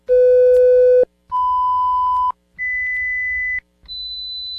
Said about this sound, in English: Did you hear all four tones? Yes, there were four. If you didn't, perhaps it's time to have your hearing checked.